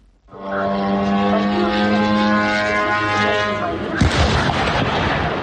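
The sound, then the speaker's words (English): A Ukrainian drone's propeller drones in a loud, steady buzz overhead for several seconds, then it crashes into a retailer's warehouse in Elektrostal, 60 kilometers east of Moscow, Russia; a sudden heavy impact bursts out and leaves a rough, noisy rumble. “In the city of Elektrostal, 60 kilometers east of Moscow, a Ukrainian drone crashes into a warehouse of the Russian retailer Wildberries.”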